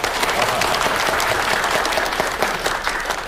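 Steady audience applause at a Qingshan village meeting as a village party secretary is invited to speak first, a dense wash of many hands clapping at an even, fairly loud level, with no voices breaking through.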